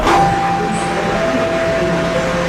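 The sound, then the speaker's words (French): A light rail train on Toronto's Line 5 Eglinton Crosstown or Line 6 Finch West rolls along the tracks with a steady rumble and a thin, sustained electric whine, fairly loud, with no voices. “Les trains légers des lignes 5 Eglinton Crosstown et 6 Finch West circulent désormais plus rapidement à Toronto.”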